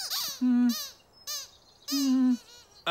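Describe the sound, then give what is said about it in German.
Several high, wheezy squeaks in quick, uneven bursts, each with a steady reedy tone and rich overtones, from a rubber duck (Quietsche-Entchen) being squeezed repeatedly. No voices are heard. “Okay, Quietsche-Entchen, lass uns mal raten, wie du dich fühlst.”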